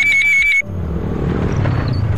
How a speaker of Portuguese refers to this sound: Ouviu essa moto? Deve ser um entregador.